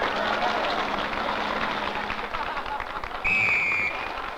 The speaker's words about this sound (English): Okay, audience, applaud, you little boogers.